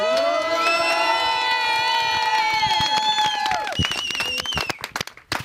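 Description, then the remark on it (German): A village crowd in Kleinpreding, Germany, cheers and shouts together, many voices holding long, high calls that break off after a few seconds into scattered shouts and clapping. “Sind das alles deine Fans?”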